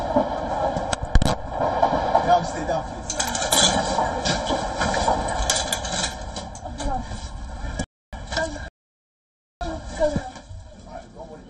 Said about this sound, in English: recording a video for social media as the gunfire breaks out, capturing the sounds of the shots as she dives to the ground.